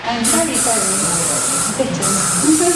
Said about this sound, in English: Spray myself. Thank you, sorry.